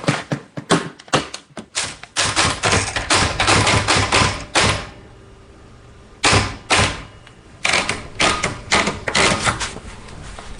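Keys clatter on a manual typewriter sitting on a little table in a kitchen, in quick, uneven bursts of sharp, fairly loud strikes, with a couple of short pauses before the typing resumes.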